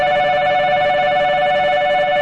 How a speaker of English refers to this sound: When I was a student in Japan in 1988, a shrill beeping noise used to signal all aboard.